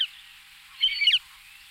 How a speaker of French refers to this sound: Et bien celui-là, c'est le busard des roseaux qui est plus spécialisé dans les oiseaux d'eau. Donc il chasse au bord de l'eau, il met la panique dans les vols de canards ou de limicoles qui peuvent traîner au bord de l'eau.